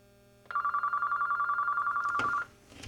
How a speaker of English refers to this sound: Do you hear ringing? I do, but it's oh, not that's not at your end. It's at my end. Let me. I just cut it off.